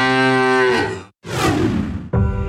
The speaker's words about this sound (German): Finde eine der letzten beiden muhenden Müllermilchflaschen und gewinne 50.000 €